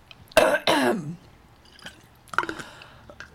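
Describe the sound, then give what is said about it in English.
Two loud, harsh coughs in quick succession, followed after a pause by a rougher throat clearing and a few faint, wet mouth sounds, from someone with something stuck in their throat. “I have all this stuff in my throat.”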